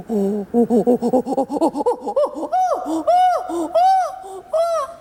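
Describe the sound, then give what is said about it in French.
A human voice imitates a chimpanzee pant-hoot: quick breathy hoots climb steadily in pitch and speed, then break into a few loud, arching high-pitched calls. No speech. “Et Jane Goodall, elle communiquait aussi avec les chimpanzés en imitant leurs cris.”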